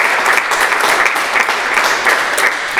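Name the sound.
audience applause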